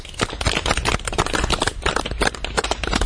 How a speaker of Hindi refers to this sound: Sir जी को नाम का साथ पुनः धन्यवाद देते हैं, सर के लिए ताली बजा बच्चे।